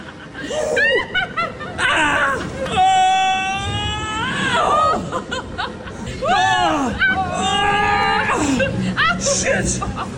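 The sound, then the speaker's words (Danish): Several people riding a rollercoaster simulator at Universe Science Park shriek and squeal with excitement in loud bursts, their high-pitched screams swooping up and down, mixed with giggling laughter over a steady rumbling background. “Jamen, de sidder i en rollercoaster simulator i Universe Science Park, hvor verdens bedste morgen sendte fra i morgen.”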